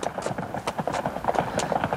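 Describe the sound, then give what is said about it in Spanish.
Hooves of several horses clip-clop in a quick, steady rhythm, close by and moderately loud, with a faint murmur of background noise underneath. “Oigo caballos.”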